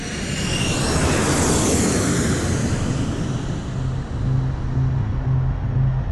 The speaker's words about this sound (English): And those remotely piloted vehicles, those drones flying high above the thick rainforest canopies of Vietnam, became known as the Lightning Bug. The Ryan Firebee drone, otherwise known as the Lightning Bug.